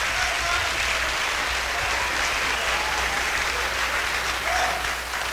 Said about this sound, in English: Let's give him a big round of applause for bass.